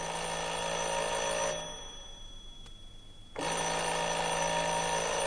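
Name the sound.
doorbell ringing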